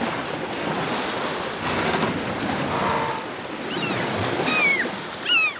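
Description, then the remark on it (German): Loud, roaring storm wind and crashing waves at sea aboard a sailing ship heading into the eye of a hurricane, a dense continuous wash of noise with rising and falling whistling gusts howling through it, no voices. “Natürlich hat man da dieses Windgeräusch ganz, ganz stark und es ist schwer, die anderen zu verstehen, weil der Wind eben so laut ist.”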